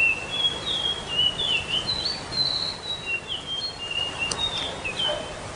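A caged bird sings a continuous run of high, thin chirps and warbling whistles, fairly clear over a soft background hiss, with no one talking.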